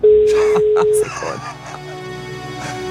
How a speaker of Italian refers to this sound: E tring! Stiamo prendendo la linea, primo squillo.